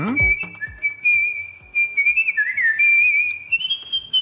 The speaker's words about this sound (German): Er ist Weltmeister im Kunstpfeifen. Er kommt eigentlich, also gebürtig aus Japan, aus Tokio, lebt aber mittlerweile in Trier und ist da als Profisänger in einem Opernchor.